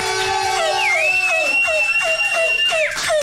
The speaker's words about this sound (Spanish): Un aplauso, por favor.